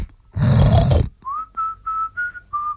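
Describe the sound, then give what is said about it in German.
In a pigsty on a small home farm, a pig gives one loud, rough, low grunting snort lasting about a second, followed by five short, steady, high squeals in an even rhythm, with no talking. “Schauen wir also kurz in den Schweinestall, um zu sehen, ob Zarkowski recht hat.”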